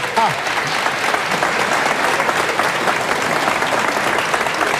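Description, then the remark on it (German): Steady audience applause, a dense wash of many hands clapping at an even, sustained level for the whole stretch, with a voice briefly audible at the very start. “Ein Applaus.”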